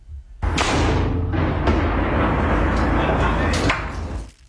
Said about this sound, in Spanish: Mira, escuchemos cómo suena el cañón desde el mismísimo Cerro Santa Lucía.